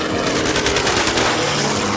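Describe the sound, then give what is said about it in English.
Machine gun firing at people in two lashed-together life rafts, in a loud, rapid stream of sharp repeated cracks, blurring into a dense, harsh roar that holds steady for about two seconds with no voices. “We heard machine gun firing, and two of us in one raft and the pilots in the second raft lashed together.”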